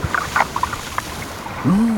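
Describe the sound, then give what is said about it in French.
Underwater bubbles pop and click in scattered bursts in the Mediterranean Sea at the foot of a cliff, then a low, resonant groan swells up and holds briefly near the end, with no voices. “On dirait des bulles. Ça doit être un poisson.”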